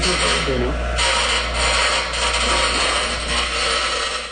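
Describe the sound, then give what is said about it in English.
Steady rasping of a file tapering a wooden piece, a continuous scraping texture with slight rhythmic strokes, with faint voices murmuring underneath. “Well, you taper that a little bit.”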